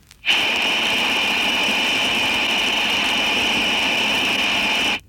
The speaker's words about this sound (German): Geräusch Nummer 4, Number 4, lässt das grelle Pfeifgeräusch der undichten Stopfbuchse einer Armatur hörbar werden. Zuerst in Stellung Breitband.